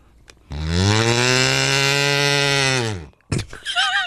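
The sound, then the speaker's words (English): A loud, buzzy kazoo blows one long, steady note imitating a cow's moo for about two and a half seconds, sagging in pitch at the end, followed by a short burst of wavering sounds. “that's actually a pretty good cow sound.”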